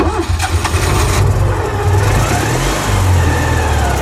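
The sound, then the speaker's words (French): A Citroën 2CV car engine revs loudly and steadily for several seconds, a low rattling drone with rising and falling pitch, heard on its own without any talking. “Si c'est confirmé, la 2 chevaux arrivera sur le marché sans faire de bruit. En tout cas, pas celui-là.”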